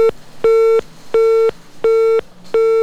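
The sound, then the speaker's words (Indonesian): A telephone busy tone after a call drops: steady, mid-pitched beeps repeating in an even on-off rhythm, about five tones with short gaps, loud and alone with no voices. “Hubungan kita tiba-tiba terputus mungkin karena provokasi jaringan yang kurang memadai.”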